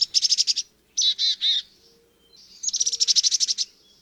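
Chickadee calls ring out clear with no talking: a quick run of high chattering notes, three slower buzzy notes, then another rapid chattering burst.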